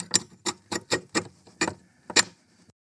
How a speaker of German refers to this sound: Einen rostigen Schieberiegel oder Schlossriegel wirkt jedenfalls wahre Wunder. Vielleicht habt ihr im Garten oder im Keller einen zur Hand. Den dann nur noch ganz langsam zur Seite schieben und das klingt dann so.